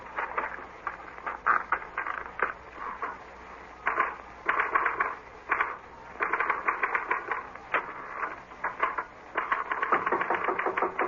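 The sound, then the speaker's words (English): Rapid typewriter clatter as a note is copied onto a typewriter, in several quick bursts separated by short pauses, the keys striking in a fast uneven rhythm. Nobody speaks. “This is a note I want you to copy onto your typewriter.”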